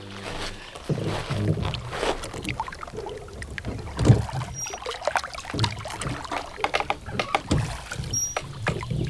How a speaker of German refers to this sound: Da, ein Ruderboot. Lassen Sie uns ein wenig Boot fahren. Nehmen Sie doch Platz.